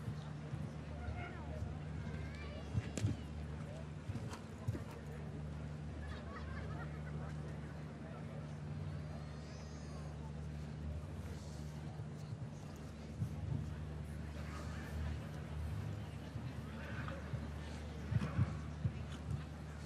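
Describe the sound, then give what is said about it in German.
The hooves of the horse Be Golden Lynx clip-clop in scattered, uneven thuds at a show-jumping competition in Hamburg, over a steady low droning hum, with a faint murmur of voices in the background. “Das Pferd ging im vergangenen Jahr hier im Championat von Hamburg mit Georgia Tame und wurde Sechste.”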